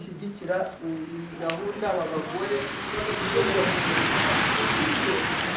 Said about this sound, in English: For most of the week, it's been bright and sunny, but on the final day, the rain is drumming on the hall roof as I sit in the retreat room